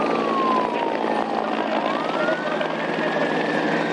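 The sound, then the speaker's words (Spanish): Loud, steady roar of Infoca firefighting helicopters overhead at Punta Carnero, a forest area where flames have reignited, a dense churning rumble that never lets up, with a faint wailing siren tone from the city sliding down and back up through it. “A Punta Carnero, zona forestal, llegó el estruendo de los helicópteros del Infoca mezclado con las sirenas que se escuchaban por la ciudad.”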